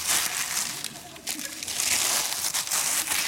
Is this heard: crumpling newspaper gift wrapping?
yes